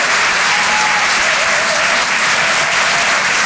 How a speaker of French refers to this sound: Merci d'applaudir très fort pour sa première ce soir sur les chansons de Comedy Club,